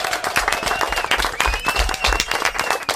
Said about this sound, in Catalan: Anem a fer un aplaudiment.